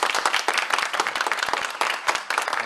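An audience applauds steadily, many hands clapping in a dense, bright patter that holds an even, fairly loud level throughout with no voices on top.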